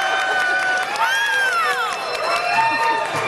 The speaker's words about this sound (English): By the way, I believe that is the loudest applause we've ever had at this show.